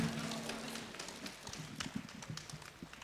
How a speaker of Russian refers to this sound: Провожаем и Дмитрий Богатов. Бурными аплодисментами.